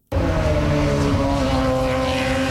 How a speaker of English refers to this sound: Indy cars are hitting the track for the first time in Markham, Ontario today. The race weekend was supposed to begin Friday, but the promoter didn't complete the temporary circuit on time.